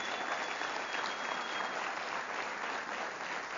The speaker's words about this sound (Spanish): Le damos un fuerte aplauso, vienen desde Conérico, hermanos.